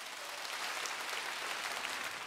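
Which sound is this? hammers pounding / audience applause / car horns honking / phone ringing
audience applause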